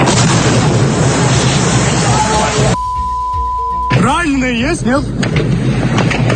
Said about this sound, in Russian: Очень много выстрелов и хлопков. Слышите, да? О, Господи. Это ужас какой-то. Это страшно, на самом деле.